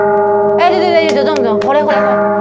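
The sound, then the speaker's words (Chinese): A sustained, ringing New Year bell tone hums steadily throughout, its resonant overtones lingering while people talk over it from about halfway in. “对，这种 OK， 对，放在最前面嘛，这个过年的钟声那种感觉嘛哈。”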